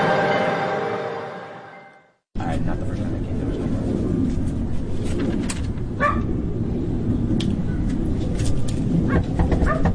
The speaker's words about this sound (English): They pulled the dog away. The dog would constantly be barking.